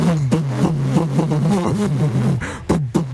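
A DKW Meisterklasse car engine revs up and down in uneven surges, its throaty hum wavering in pitch with short bursts of louder revving, fairly loud with no talking.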